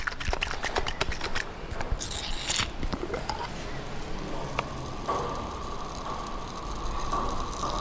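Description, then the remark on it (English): A bubbling ginger bug ferment, made with ginger and maple syrup from Quebec, is shaken, giving quick sloshing crackles at first, then a steady fizzy hiss of bubbles that lingers. No one speaks. “And then here, I'll just shake it up a little bit.”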